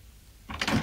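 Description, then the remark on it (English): A door opens, a short rising scrape and rattle that follows a moment of near silence and grows louder toward the end. “Would you close the door?”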